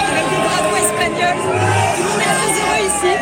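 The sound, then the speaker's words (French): A packed crowd in the Franco-Spanish bar Le Boca in Toulouse roars continuously over Spain's victory, voices shouting and singing together in a dense, loud babble with bursts of cheering rising above the din throughout. “Voilà, vous l'entendez autour de moi, ça crie, ça chante.”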